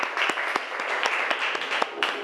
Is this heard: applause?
yes